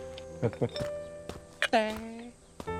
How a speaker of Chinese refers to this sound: 大哥，您这锣边敲得有点密啊。